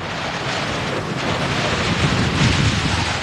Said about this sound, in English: Her belief gave her comfort that she wished she could fully share, even as the wind bore down more viciously upon them.